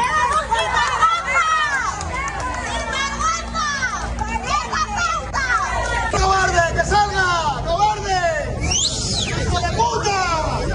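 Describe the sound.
A crowd in Noblejas, Toledo, Spain, shouts and jeers nonstop at the Spanish prime minister on his visit to an industrial complex, many voices overlapping in loud, rising and falling cries, with a burst of higher-pitched yelling near the end.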